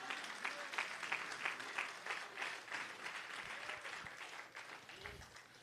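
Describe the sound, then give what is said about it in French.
An audience claps steadily for several seconds, a dense patter of many hands that stays loud throughout and eases off slightly toward the end, with a few voices mixed in. “Bah, bon Dieu, on applaudit ce moment là.”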